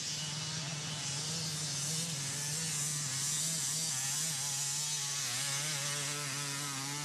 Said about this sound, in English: Music to my ears. Nothing beats the sound of a two-stroke motorcycle.